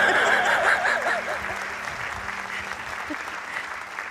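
Steady audience applause fills the whole stretch, a dense wash of clapping that starts loud and eases slightly, with a faint murmur of voices and light chuckles mixed in.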